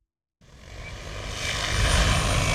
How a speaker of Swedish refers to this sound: Vi står bredvid en åker i Haddom i Lovisa. En stor drönare, nästan 3 meter gånger 3 meter stor, flyger fram och tillbaks och sprider ut kalk från en behållare under till.